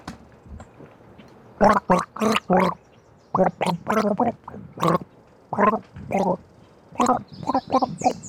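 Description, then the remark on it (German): Someone gargles a tune, the bubbling throat sound rising and falling in pitch through a series of short, rhythmic bursts with brief pauses between phrases. “Ach so, das hat geheißen, ich gurgel jetzt.”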